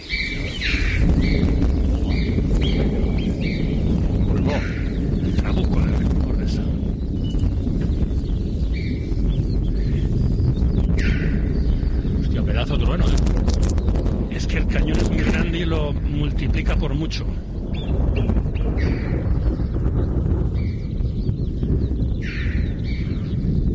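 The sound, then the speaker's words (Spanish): Distant thunder rolls in a steady low rumble over the high mountains of Ordesa while alpine choughs and marmots let out repeated sharp, high calls above it; a voice speaks briefly over the scene. “El Trabuco de Ordesa, donde retumba el trueno, gritan las chovas, las marmotas, las aves y los animales de alta montaña, pero sobre todo el escenario lo rellena el retumbo, el sonido, la retumbancia, si tal palabra existiera, del trueno.”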